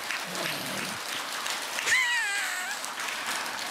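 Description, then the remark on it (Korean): An audience at a talk breaks into steady applause for the speaker's account of holding a Mumungwan dharma assembly with the head monk of Jikjisa; the clapping carries on evenly for several seconds, with a brief high-pitched whistling tone rising above it partway through. “그것을 박수 한다고 하면 쳐주지 그래.”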